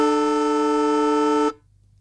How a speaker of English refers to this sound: The old siren at Traeger Park, eh? Yeah. It's a very unique sound, that.